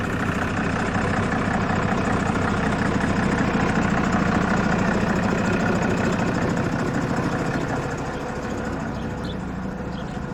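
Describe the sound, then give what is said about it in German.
A bus engine idles steadily during a test drive, a continuous low rumble with a faint rhythmic chug that drops slightly in level toward the end, with no one speaking. “Und das ist ja, deswegen machen wir eine Probefahrt 2 Tage vor unserer großen Fahrt,”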